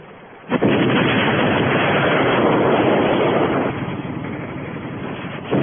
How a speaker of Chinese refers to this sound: 将军庙车站的争夺战打得十分激烈，张连长紧握机枪猛扫敌人。